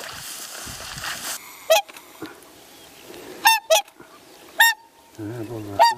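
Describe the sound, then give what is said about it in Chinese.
Swans, a family in a wetland, honk in loud, brassy bursts, about five or six irregular calls, some in quick pairs, over a low rustling background with no one speaking. “他说，天鹅虽然表面温和，但发起怒来，巨大的双翅能将人击伤。”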